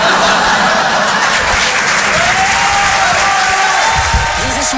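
An audience applauds a performer's news that he has just become a father, a dense wash of many hands clapping with some cheering and laughter mixed in, loud and continuous throughout.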